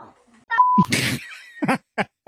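A parrot named Banks imitates human speech, saying "hi, dirty trimmers" in the lounge room of a house: a brief pure whistle, then a harsh raspy burst and a few squawky, word-like syllables in quick succession, loud and shrill with no other voices.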